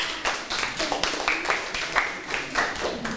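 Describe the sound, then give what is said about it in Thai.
A group of classroom students clap together for a classmate who correctly answered that the Pacific Ocean is the largest ocean, a steady, dense patter of applause lasting a few seconds, with faint young voices mixed in. “มหาสมุทรแปซิฟิกเป็นคำตอบที่ถูกต้องค่ะเก่งมากปรบมือให้เพื่อนหน่อยค่ะ”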